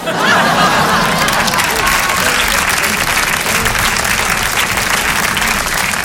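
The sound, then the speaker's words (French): A crowd applauds a performance, clapping steadily and loudly for about six seconds, a dense, sustained patter of many hands with a few faint chuckles and murmurs mixed in. “Merci d'applaudir la performance, merci.”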